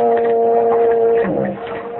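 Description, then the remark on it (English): A foghorn gives a long, steady, droning blast that holds one low pitch before wavering and fading slightly, heard with a faint background hiss and no talking. “That was just a foghorn.”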